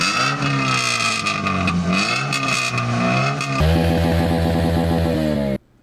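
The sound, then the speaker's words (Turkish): A loud engine revs hard through a modified exhaust, rising and falling in pitch, then switches to a rapid, crackling idle burble before cutting off abruptly, with no voices. “Gaz verelim.”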